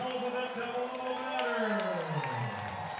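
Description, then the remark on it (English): A baseball crowd at a Quakes game applauds and cheers after a batter's two-out double to right field, in a steady, dense roar lasting the whole moment, with a voice rising and falling over the noise. “Well, that draws a big round of applause from the fans.”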